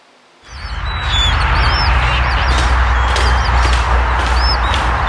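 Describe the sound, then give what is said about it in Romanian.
A flock of flamingos calls continuously on the shore of Lake Techirghiol, Romania, many overlapping honks and nasal cries layered over a steady rush of wind or water, loud, with no voices. “Păsări flamingo filmate pe malul lacului Techirghiol este o chestiune de timp până o să apară ca populație rezidentă, spun specialiștii.”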